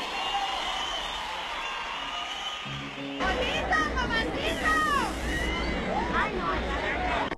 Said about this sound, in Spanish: Ahora un fuerte aplauso para los muchachos de mi agrupación